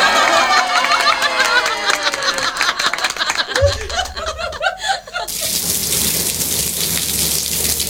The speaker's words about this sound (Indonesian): Bagi sebagian orang, mendengarkan suara hujan dapat menenangkan perasaan, bahkan meredakan stres. Ada beberapa orang dengan masalah gangguan tidur atau insomnia bisa tidur nyenyak jika mendengarkan suara hujan.